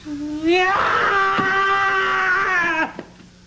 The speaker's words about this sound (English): You are about to hear the loudest, angriest bird you have ever heard.